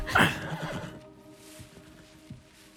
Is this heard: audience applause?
no